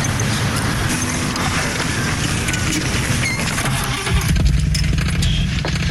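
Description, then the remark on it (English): A car engine, the car Christine in a trailer for the film Christine, cranks and catches, settling into a loud, steady low rumble for the last couple of seconds, after a stretch of noisy, clattering mechanical sound. “Sonny, you ever owned a car before? No. I just got my license. Start her up.”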